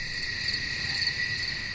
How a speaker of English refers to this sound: The sound of those crickets.